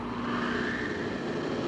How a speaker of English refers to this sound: Progress is the sound of a motor, the hum of a turbine,